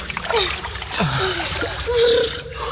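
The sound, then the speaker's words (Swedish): Continuous splashing and sloshing of water as someone swims, steady, with strained, breathy vocal sounds rising over the churning water. “Vi måste simma. Simma, …. Fortsätt bara. Fortsätt simma.”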